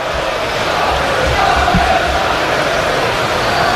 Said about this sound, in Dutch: Het schaam je kapot klinkt volgens mij vanaf de tribune. Omdat die supporters daar hun gezwaai en hun hints onbeantwoord zag.